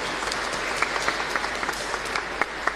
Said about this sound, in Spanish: un fuerte aplauso para mi divino, muy elegante.